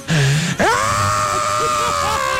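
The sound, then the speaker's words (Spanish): A voice imitates an ambulance siren: a low hum, then a sharp upward swoop into a loud, sustained high wail that wavers slightly in pitch until the end. “Hace las ambulancias.”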